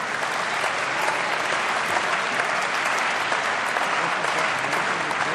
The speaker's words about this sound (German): Jetzt kommt Anton Hofreiter. Ein Applaus für Anton Hofreiter.